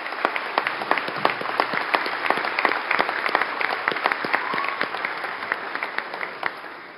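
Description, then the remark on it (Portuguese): An audience applauds a band, a musical corps, after its performance, steadily for several seconds, a dense patter of many hands clapping with sharp individual claps popping out, holding fairly even in loudness throughout. “Mais uma vez, pessoal, uma salva de palmas à nossa banda, por gentileza.”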